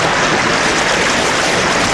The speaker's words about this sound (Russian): Шумит, кипит в камнях река, слушает Пашку, понимает и несется дальше. И уносит Пашкину тоску далеко-далеко.